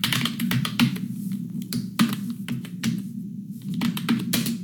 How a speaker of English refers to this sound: It's a keyboard, typing keyboard. That's a tough one if that bothers you, because isn't that the soundtrack of the modern world? Wouldn't that be hard to escape? That doesn't bother me nearly as much.